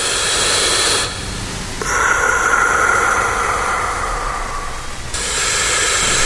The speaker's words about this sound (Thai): เพลงนี้มันมีเสียงหายใจด้วยตอนแรกตกใจด้วยว่าเสียงอะไรเนี่ย